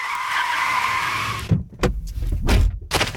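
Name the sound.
car tires skidding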